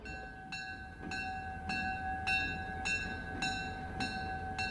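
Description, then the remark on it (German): A diesel locomotive hauling several passenger cars on its circuit around a railway museum's grounds rumbles steadily, with a sustained tonal ring over it and sharp, evenly spaced clanks repeating about every half second. No one speaks. “Dreimal täglich dreht eine Diesellok mit mehreren Personenwagen ihre Runde im Gelände.”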